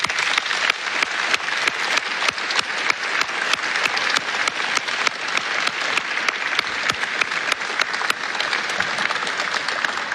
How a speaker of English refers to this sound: Congratulations to all of our honorees, and thank you for your contributions. Let's give them one last round of applause.